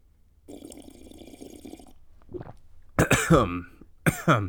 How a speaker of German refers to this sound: Jo, das ist auf jeden Fall schon wieder ein edler Tropfen vom Glühwein, den ich mir hier gerade 8-Kant rein installiere.